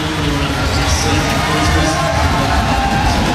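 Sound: home crowd cheering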